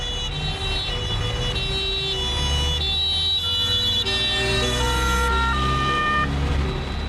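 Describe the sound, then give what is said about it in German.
An ambulance siren wails loudly and steadily in stepped tones over the deep rumble of a running vehicle engine, with no voices. The ambulance is bringing an injured officer back to an airport runway area. “Der Rettungswagen bringt den zuerst verletzten Beamten in das Startbahnareal zurück.”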